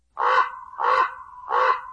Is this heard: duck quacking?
no